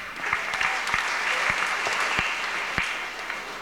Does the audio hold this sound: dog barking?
no